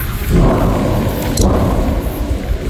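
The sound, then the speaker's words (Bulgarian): Explosions at a burning munitions warehouse at the Emko storage depot near Tryavna, Bulgaria, rumble in a loud, continuous low roar, with heavy booms rolling into one another and a sharper crack around the middle, heard in nearby villages. No one speaks. “Следват взривове, които се чуват в близките села.”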